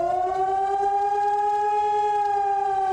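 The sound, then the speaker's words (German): A civil defense siren wails steadily during Germany's nationwide warning day, its loud rich tone slowly rising and then holding a sustained pitch, with no voices over it. “Beim bundesweiten Warntag, da sollen Handys Alarm schlagen, Warn-Apps aufploppen und vielerorts auch die Sirenen heulen.”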